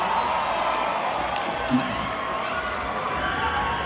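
A concert crowd at the Palais Odéon roars in a dense, steady wash of cheering and scattered shouts, with a brief high whistle-like tone near the start and one short louder shout midway, as a fan keeps shouting the singer's name.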